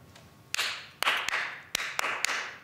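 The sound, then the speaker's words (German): A group claps together in time during a rhythm exercise at a participatory taster session of the Staatstheater Hannover: six sharp, bright claps in uneven groupings, some spaced wide and some quick in succession, each ringing out briefly. No one speaks. “Die Gruppe soll in dieser Rhythmusübung gemeinsam im Takt klatschen.”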